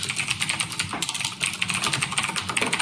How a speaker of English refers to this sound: Typing on a computer? That stresses me out. Yeah, it's typing on a mechanical keyboard. Not for you guys? No. That means you're working.